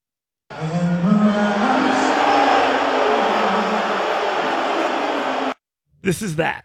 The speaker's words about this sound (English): This is that. This is a heel walking in to the arena and then booing the hell out of him.